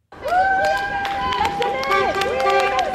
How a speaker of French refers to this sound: Des coups de klaxon en guise de soutien. Devant l'école, le piquet de grève est toujours bien là.